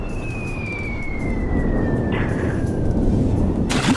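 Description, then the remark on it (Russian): A cannon shot sound effect in a pirate game: a long falling whistle glides over a steady low rumble, ending in a sudden noisy burst right at the close; the shot misses. No voices. “Мимо. Второй выстрел.”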